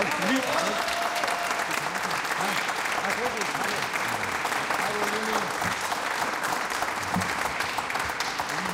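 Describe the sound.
Sustained applause from an audience fills the whole stretch, a dense steady clatter of many hands clapping at once, with faint voices and cheers mixed underneath.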